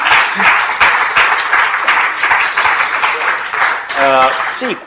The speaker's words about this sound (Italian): chiamo subito sul palco i nostri cosiddetti discussant, in ordine rigorosamente alfabetico. Professor Paolo Guerrieri, economista, esperto di Europa, senatore, già senatore del Partito Democratico, un applauso insieme a Bach.